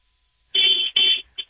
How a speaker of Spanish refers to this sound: Ay, está como ronco, ¿no? Es el... No sé. Está como ronco tu claxon, ¿no?